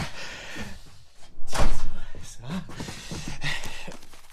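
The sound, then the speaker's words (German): A studio door opens with a sharp clunk and brief rattle partway through, surrounded by soft rustling and handling noises. “Hier ist das Studio. Tür auf.”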